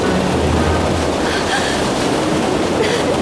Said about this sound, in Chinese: 是洞内瀑布。 真是好险啊， 我们好像被冲到了溶洞的最下层。